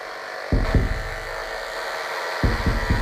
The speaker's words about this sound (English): You might be able to hear that the knife fish is producing a nearly constant stream of electrical pulses.